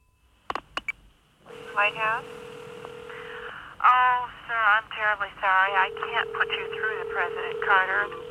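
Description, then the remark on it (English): A telephone being dialed to make a phone call: a few quick sharp clicks, then a steady electronic tone that drones on and off while voices talk over it, clear. “Just going to make a phone call first.”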